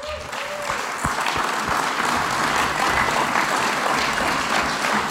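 An audience applauds steadily, a dense, continuous patter of many hands clapping at an even loudness for several seconds, with no one speaking over it.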